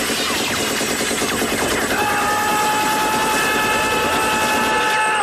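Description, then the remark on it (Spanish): Loud, relentless machine-gun fire rattles on in rapid bursts for the whole stretch, with a steady high whine joining about two seconds in and no voices. “Es que esas ráfagas podían durar una eternidad y no quedaba uno vivo.”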